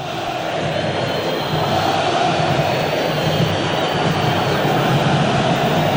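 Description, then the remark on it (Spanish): Tigre football fans chanting in a stadium during a match against Nacional, heard as a loud, steady wall of crowd noise that holds evenly for the whole stretch without pauses or clear individual voices. “Se escucha la gente de Tigre.”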